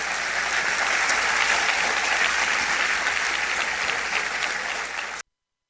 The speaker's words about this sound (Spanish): Un aplauso al Señor.